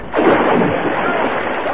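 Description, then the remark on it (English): A single loud splash of little Jim being thrown into water: a sudden burst followed by a churning, rushing wash that slowly fades. “Seagoons, one of my sons, I saw you throw little Jim into the water.”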